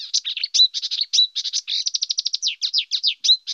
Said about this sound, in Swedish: så brukar man prata om att kärrsångare då, till exempel, som är en nära släkting till busksångare, är en art som kör i ett räsetempo, mer eller mindre.